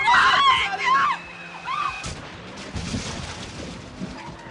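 Loud, high tire squeals for about a second, then a sharp crash and a stretch of rumbling, clattering noise that fades lower: a car driven too fast skidding as its brakes fail and crashing.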